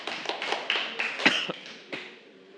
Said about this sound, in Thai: ถูกต้องขอเสียงปรบมือให้กับตัวเองหน่อยนะครับ